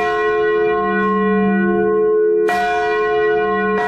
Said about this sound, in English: Those sounds were heard for the first time Saturday night at St. Mary's when they unveiled a new bronze church bell secretly installed last week after it was shipped from a New England church.